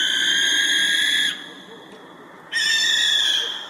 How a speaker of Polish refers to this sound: Sowa płomykówka to jest takie chrapanie. I wydaje mi się, że my po prostu tych chrapań ostrych nasz mózg nie lubi, one też mają taki charakter ostrzegawczy, więc my możemy to kojarzyć no, z czymś, co na pewno nie jest błogostanem.